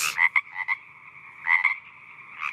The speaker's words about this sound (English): That's not a shark either, by the way. That's a frog. It's the sounds of the Ekka. That is today's sound.